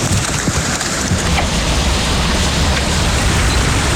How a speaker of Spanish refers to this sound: A las 3 y 10 de la tarde, lo que parecía un aguacero en la ciudad de Bogotá se convirtió en una de las más fuertes granizadas de los últimos 5 años.